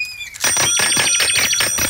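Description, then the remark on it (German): A bell rings loudly and rapidly, its quick metallic strikes running together into a continuous jangling clatter that starts abruptly and carries on without pause, with no voices. “hör auf zu klingeln.”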